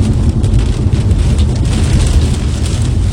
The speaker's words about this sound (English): You can hear the pounding rain and wind off his windshield as he was tracking the storm there.